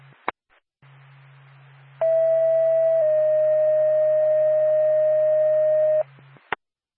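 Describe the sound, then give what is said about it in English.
Two steady electronic dispatch alert tones for Lancaster Ambulance, sent by NORPAC, sound back to back over a low radio hum, a higher tone for about a second and then a slightly lower one held for several seconds, ending with a click. “contact to Lancaster Ambulance, standby for tone.”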